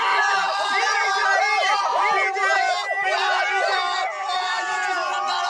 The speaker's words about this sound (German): Sie springen, schreien, jubeln.